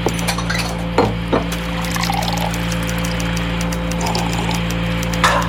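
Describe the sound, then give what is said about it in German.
Coffee pours steadily into a cup at 22:17 on 15 August 1977, over a constant low electrical hum, with a few sharp clinks of ceramic at the start and again at the end. “Ich werde noch mal eine Tasse Kaffee trinken.”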